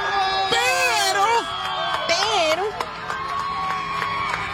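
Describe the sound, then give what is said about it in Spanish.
A lively crowd cheers and celebrates the Argentines after a World Cup final, with overlapping excited shouts and whoops rising and falling throughout, loud, over a steady background of voices. “Y festejando a los argentinos.”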